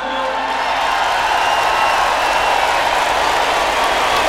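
A crowd applauds an announced guest, dense clapping forming a loud, continuous wash of noise with no pauses, holding at the same level for several seconds without any voices standing out.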